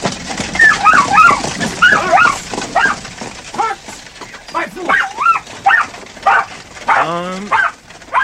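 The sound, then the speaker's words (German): A spaniel yips, whines and barks excitedly as it rushes toward people, in quick, uneven bursts, fairly loud, with high whimpering cries running between the short barks and no one talking. “Doch noch ehe ich antworten konnte, sah ich, wie der Spaniel freudig erregt auf uns zuschoss.”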